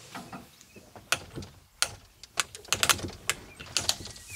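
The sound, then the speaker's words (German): Knocking on a circus wagon door: a series of sharp, uneven raps, some single and some in quick clusters, over a faint rustling background with no voices. “Das ist ein Zirkuswagen, oder? Klopf mal.”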